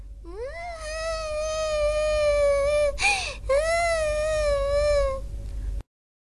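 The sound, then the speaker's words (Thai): A kitten gives two long, drawn-out meows, loud, with a wailing, crying quality; a brief scratchy break separates them, and no one speaks. “เป็นอะไรหรือเปล่าแมวน้อย”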